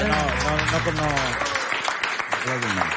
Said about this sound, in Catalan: un aplaudiment.